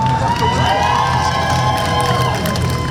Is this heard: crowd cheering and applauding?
yes